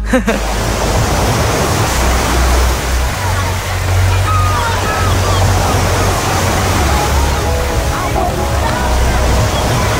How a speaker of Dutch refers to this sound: De golven komen eraan. Hou je vast. Niet misselijk worden.